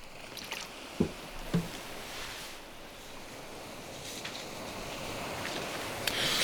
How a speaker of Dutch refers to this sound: Neem ik opnieuw een slokje water.